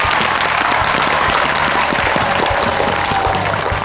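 A crowd applauds steadily and loudly for several seconds for friends from various clubs, with many hands clapping in a dense, continuous patter and no one speaking over it.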